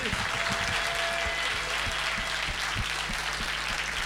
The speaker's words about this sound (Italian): Oh, li abbiamo visti in tanti ultimamente in giro per Genova e quindi facciamo un bel applauso all'Associazione Nazionale Alpini di Protezione Civile.